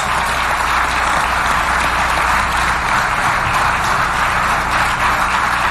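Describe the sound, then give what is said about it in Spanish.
Loud, sustained applause from a large crowd for Mexican President Claudia Sheinbaum, a dense steady wash of many hands clapping that holds its level for about six seconds with no voices over it. “Un aplauso a la presidenta Claudia Sheinbaum.”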